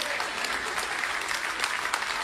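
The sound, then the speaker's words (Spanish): A crowd applauds steadily, many hands clapping in a dense, even patter that holds at a moderate level from start to finish, with no voices standing out. “Ese aplauso fue de ópera.”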